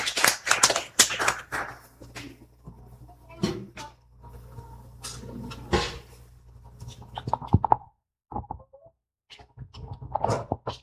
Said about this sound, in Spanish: Entonces, que ya una fuerte aplauso, ¿eh?